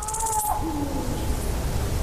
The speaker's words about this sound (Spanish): yo creo que vamos a escuchar un sonido que es el sonido para mí más importante que se puede escuchar en la naturaleza en Europa, que es el maullido de celo del lince ibérico.